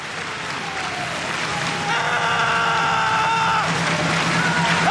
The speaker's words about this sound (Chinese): 跟观众要一个掌声，要一个步点的节奏。